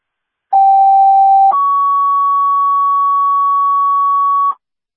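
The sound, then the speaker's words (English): Two-tone dispatch paging alert, a second page for an ambulance to 4231 Reservoir Road for a Priority 4 call: a steady mid-pitched tone for about a second, then a slightly higher tone held for about three seconds. Loud, clean and alone, with no talking. “a second page for the Unstated Ambulance, 4231 Reservoir Road for the Priority 4.”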